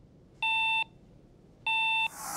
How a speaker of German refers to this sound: In Dänemark gibt es noch einen extra Warteton nach dem Drücken.